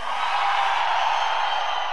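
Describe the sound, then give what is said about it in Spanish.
The men in a concert audience shout and roar loudly together on the performer's call, a sustained, dense wall of voices, steady for about two seconds with no single voice standing out. “A ver, aún un grito fuerte los hombres.”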